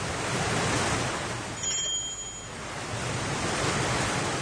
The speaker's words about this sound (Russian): Но однажды вечером налетел сильный порывистый ветер. Корабль начал угрожающе раскачиваться на волнах и трещать по всем швам.